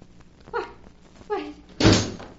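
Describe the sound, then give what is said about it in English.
A door creaks open in two drawn-out, squeaky groans of the hinge, followed by a louder wooden thud as it swings to a stop. No one speaks. “But I opened the door and there wasn't anyone there.”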